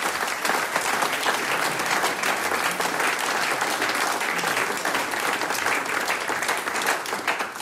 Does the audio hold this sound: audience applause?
yes